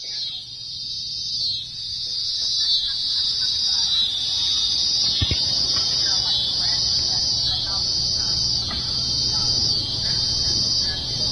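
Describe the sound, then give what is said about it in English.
A steady chorus of tree crickets and katydids trills without pause, a dense buzzing drone holding at an even loudness, with faint low rumbles and a brief thump partway through. The higher-pitched calls are tree crickets; the lower, scratchy one is a species of katydid (bush cricket). “I hear tree crickets in the background. Those are kind of the higher pitched one.”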